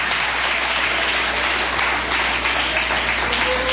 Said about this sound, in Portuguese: Pode bater palma e dar glória a Deus, igreja.